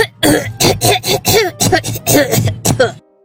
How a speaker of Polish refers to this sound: Tutaj troszkę przerost formy nad treścią, mam wrażenie. Ja mam wrażenie, że ten kaszel za bardzo próbuje, za bardzo się stara. Tak. Coś bardziej naturalnego jednak byśmy poszukiwali tutaj